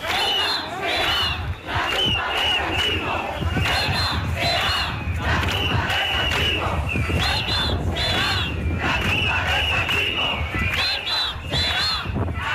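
A large protest crowd of thousands in Ceuta, marching toward Tarajal, shouts in unison, loud and continuous, with rhythmic chanting of slogans against Sánchez and Marlaska that swells and repeats in waves, dense with many overlapping voices and occasional higher-pitched cries.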